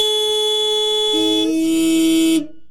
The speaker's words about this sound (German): Seit den 60ern hupen die Menschen gerne als Ausdruck ihres politischen Protests in Autokorsos. Und heute gibt die Hälfte der Autofahrenden an, dass man sich bei Ärger im Straßenverkehr ganz wunderbar mit einem kräftigen Hupen abreagieren könne.